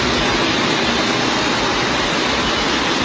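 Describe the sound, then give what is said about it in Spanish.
A loud, continuous roar of floodwater from heavy rain rushing down Calle Jesús de Monasterio toward the Plaza del Ayuntamiento in Santander, Cantabria, a dense steady wash of churning water with no pauses and no voices. “Así sonaba la riada de agua que corría desde la calle Jesús de Monasterio hacia la plaza del Ayuntamiento de la capital de Cantabria.”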